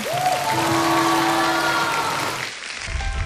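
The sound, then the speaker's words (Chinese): Sustained applause from the audience of the TV show Xingjin Zhongguo (third season) for a singer and a guitar teacher after a song: a dense wash of clapping with some cheering, while a steady tone hums underneath for most of it before the clapping thins out near the end. “还有我们的吉他老师，我们再一次把掌声送给他们。”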